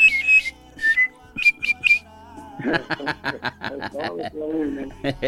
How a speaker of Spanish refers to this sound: Y un chifledito, pues, ahí también de por ahí.